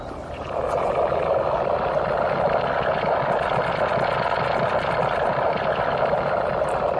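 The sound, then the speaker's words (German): A recording from inside a compost heap, presented as an acoustic installation at an art festival: a dense, steady wash of crackling, rustling noise with a low rumble, continuous and fairly loud throughout, with no voices. “Das Innere eines Komposthaufens haben Sie da gehört.”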